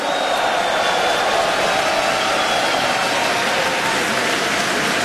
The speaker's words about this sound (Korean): 네, 다시 한번 큰 박수 보내주시기 바랍니다.